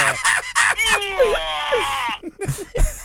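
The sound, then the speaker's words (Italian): A loud, strained yell from a weightlifter rises and holds for about a second, framed by short forceful vocal bursts before and after. “È stato un urlo! Hai riconosciuto il rumore? È un sollevatore di pesi”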